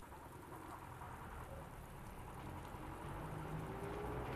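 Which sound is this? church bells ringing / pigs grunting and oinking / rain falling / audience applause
rain falling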